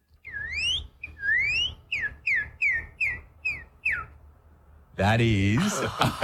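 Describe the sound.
A person from Oklahoma, USA whistles an imitation of a northern cardinal's song, the most common bird heard around them: two long rising slurs, then a quick run of about six short, bright repeated chirps, followed by a loud burst of voice.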